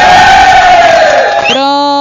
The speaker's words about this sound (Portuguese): Aplausos.